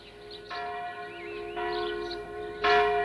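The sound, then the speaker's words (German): The church bell of the village of Dörfli tolls in steady, evenly spaced strikes about a second apart, each ringing on with a long resonant hum, growing slightly louder, heard outdoors. “Das ist die Glocke der Dorfkirche.”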